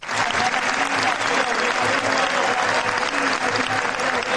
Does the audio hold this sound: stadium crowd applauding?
yes